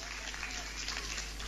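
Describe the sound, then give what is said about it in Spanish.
A crowd applauds steadily, a dense wash of many hands clapping at an even volume through the short moment, with no clear pauses or voices standing out. “¿Vio que algunos no aplaudieron?”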